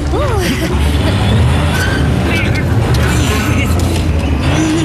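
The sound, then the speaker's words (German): A small vehicle motor drones and strains steadily as it tries to move a large cable drum on a sandy construction site, too weak to budge it, while voices talk over the continuous rumble. “Aber sein Motor ist zu schwach. Sie bewegt sich einfach nicht vom Fleck.”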